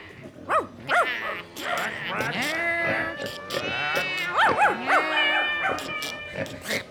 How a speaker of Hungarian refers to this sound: A hangok, hallod? Ugatás, nyávogás, cincogás, károgás, prekegés. Állathangok, amelyen most emberek beszélnek.